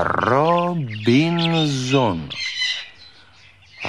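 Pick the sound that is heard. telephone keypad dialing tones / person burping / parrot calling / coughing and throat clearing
parrot calling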